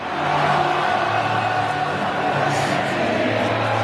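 A huge stadium crowd at the Gabba roars and chants together in a steady, dense wall of voices, with faint sung tones running through the cheering for the full few seconds, celebrating a goal by Charlie Cameron.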